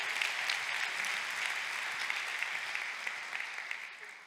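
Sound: audience applause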